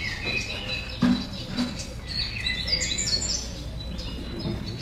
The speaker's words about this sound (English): It's a new morning. The sun is up. The birds are singing.